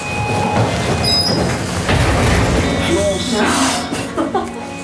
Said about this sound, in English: Here we go. Where are four? 3, 2, 1. Elevator doors open.